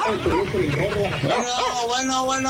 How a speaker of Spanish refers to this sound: Hacerlos al perro de la Indepe que correteó un viejito hace mucho. Perro que ladra.